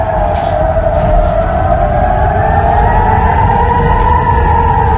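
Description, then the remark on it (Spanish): Air raid sirens in Israel in the early morning wail loudly and continuously, a sustained tone that slowly rises and falls in pitch over a steady low rumble, with no voices. “Así sonaban las alarmas antiaéreas en Israel esta madrugada.”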